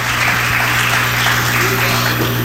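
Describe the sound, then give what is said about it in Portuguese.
A church audience claps steadily and loudly in praise to Jesus, a dense wash of many hands applauding together with a low hum beneath and no one speaking. “Deixa a sua Bíblia aberta e vocês vão louvar Jesus com aquelas palmas bem avivada para Jesus.”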